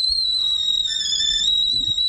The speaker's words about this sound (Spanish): Una olla a presión. Sí, vale. Pues vapor, una tetera, sí, un esto, es un ruido de cosa hirviéndose. Vapor, vale, vapor.